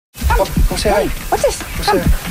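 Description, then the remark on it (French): A 10-year-old dog that does not want to go out for a walk lets out a series of short, whiny yelps and barks, about four bursts with rising and falling pitch, fairly loud against a steady background hum. “Le chien de Noel Radcliffe, Bernie, ne veut pas sortir pour une marche.”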